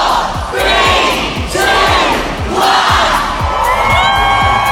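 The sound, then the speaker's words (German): Thousands of fans gathered for the Hogwarts Express departure countdown shortly before 11 a.m. cheer and shout in loud, surging waves, many voices swelling together with whoops over a dense roar that never drops off, punctuated by low thumps. “Also abertausende Fans haben sich auch heute versammelt, haben den Countdown gestartet um kurz vor 11.”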